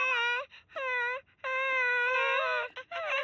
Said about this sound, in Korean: 어, 괜찮아 얘들아. 아기들이 울 때 우린 뭘 할 수 있을까?